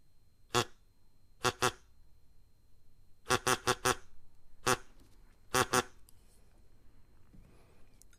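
A bird gives about ten harsh, duck-like quacks, singly and in quick clusters of two to four, loud, with brief pauses between groups and no talking.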